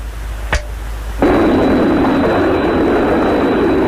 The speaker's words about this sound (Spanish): Nos estamos aproximando. Así que trata de escuchar el sonido de nuestros jets. Cruzando la costa del Pacífico.